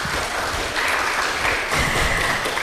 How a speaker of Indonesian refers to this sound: Waduh, tepuk tangannya dulu dong.